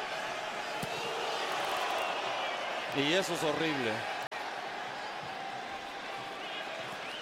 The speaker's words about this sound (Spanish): La porra de New York City gritándole a Nahuel. Y quizás ustedes lo pueden escuchar.